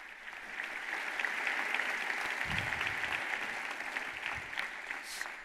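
An audience in the aula magna of Sapienza university applauds steadily for several seconds for four young people from Palestine seated in the front row. It is a dense, even patter of many hands clapping at a fairly strong, constant level, with no voices standing out.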